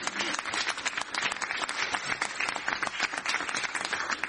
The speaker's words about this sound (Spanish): Fuerte aplauso, gracias.